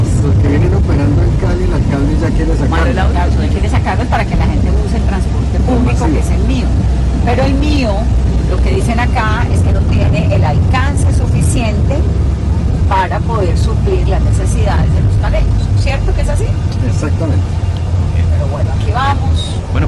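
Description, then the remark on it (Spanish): Steady, loud street traffic with buses and cars rumbling past, including a MIO mass-transit bus moving along in traffic that is still flowing, engine noise filling the whole stretch while a person talks over it. “Allá va el Mío andando. Hay algunas zonas que están tapadas, pero pues la verdad por donde estoy se está moviendo.”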